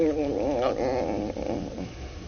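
A steady, wavering buzz of large insects drones on without pause, moderately loud, its pitch rising and falling slightly throughout. No voices are heard.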